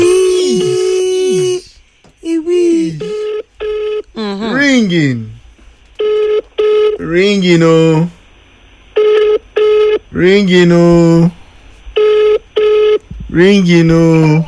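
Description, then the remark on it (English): A telephone call being dialed, the line ringing: steady electronic tones in short on-off bursts, fairly loud, alternating with sliding, voice-like melodic sounds like a caller tune over the line. “Ringing.”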